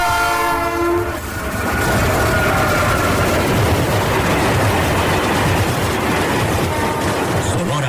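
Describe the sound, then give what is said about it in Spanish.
A train rumbles loudly along railway tracks, opening with a blaring horn blast for about a second before the steady, dense roar and clatter of the cars continues. “6 de mayo, 146 años del primer recorrido del ferrocarril en el estado de Sonora.”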